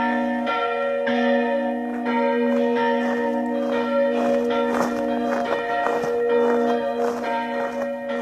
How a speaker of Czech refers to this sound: som sa zoznámila pri prvom slávnostnom zvonení Urbana a Jána v Bardejove.